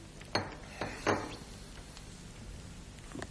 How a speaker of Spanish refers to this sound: A ver, vamos con el chinchín con los de pastelitos. Ahí está.